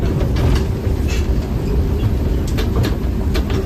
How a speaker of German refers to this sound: Es ist Sonntagmorgen am Bahnhof in Stockach. Viele Tagestouristen steigen ein.